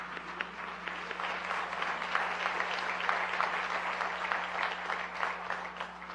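An audience applauds steadily to welcome invited science communicators at an awards event of the Noticiero Científico y Cultural Iberoamericano, a dense wash of many hands clapping at once that holds at an even, moderate level for several seconds, with a faint low hum running underneath.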